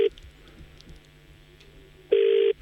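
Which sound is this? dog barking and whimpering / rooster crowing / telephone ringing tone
telephone ringing tone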